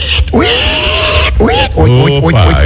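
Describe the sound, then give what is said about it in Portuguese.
A person imitates a pig's squeal with a series of loud, high, warbling vocal shrieks, rising and falling in pitch across several bursts with brief gaps between them. “Ah, do porco só não aproveita o grito dele. Como é que ele grita,”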